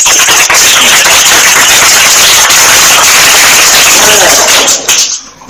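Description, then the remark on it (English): A loud, dense round of applause from a crowd at a primary school quiz competition, for a correct answer, many hands clapping in a steady wash of sound for about five seconds before it quickly dies away. “A round of applause.”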